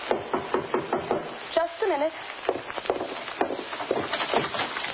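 Repeated knocking on a door, a string of sharp wooden raps in an uneven rhythm, with a brief higher-pitched squeak or vocal sound in the middle of the sequence.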